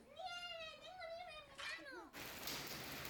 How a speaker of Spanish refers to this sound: Así caía esta tarde la lluvia y el granizo en Benasque